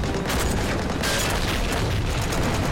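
A tank cannon fires and the shell explodes about 10 metres from a machine gun in battle, a loud, continuous booming roar of blast and rumble that fills the whole moment with heavy, dense noise and no voices.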